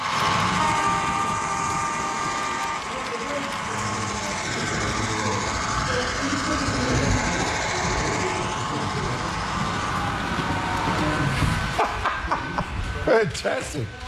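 A model train runs steadily along its track at the Illawarra Model Railway Association clubhouse, with a continuous whirring rumble and a faint high whine, while people murmur and chuckle in the background; a few sharp clicks come near the end.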